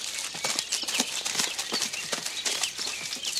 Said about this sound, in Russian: Бегут по лесу.